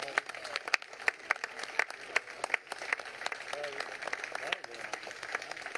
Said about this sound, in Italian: insieme alle famiglie, ai turisti e con l'aiuto dei ragazzi della crew e dei nostri bambini che sono qui davanti, della ciurma, che vogliamo salutare con un grande applauso.